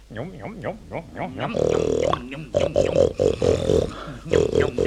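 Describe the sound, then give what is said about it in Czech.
A man's voice imitates a rutting deer's bellow: a few short rising-falling calls, then loud, drawn-out roaring bellows repeated in bursts, strained. “Pacient má představu, že je jelen.”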